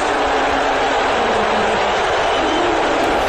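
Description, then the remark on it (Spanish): A huge crowd at Madison Square Garden in New York boos loudly, a dense, sustained roar of many voices filling the space for a few seconds without letup. “Esto es un abucheo en el Madison Square Garden.”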